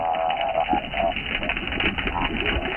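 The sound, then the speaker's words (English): An unidentified duck gives a muffled, nasal, warbling call, rising and falling in a wah-wah pattern like a muted horn, continuous and fairly loud for nearly three seconds with no one speaking. “And duck detectives, we still don't know who is making this noise, which sounds sort of like the adults from Snoopy.”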